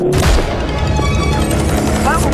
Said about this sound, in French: Oui, il est... mon jingle est parti méga fort. Je suis désolée.